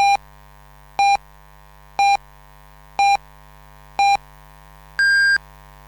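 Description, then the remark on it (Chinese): A radio time signal on Shandong Radio and Television's comprehensive broadcast marking 10 o'clock Beijing time: five short, evenly spaced beeps one second apart, then a slightly longer, higher-pitched final pip marking the hour, clear and isolated with no talking. “北京时间10点整。”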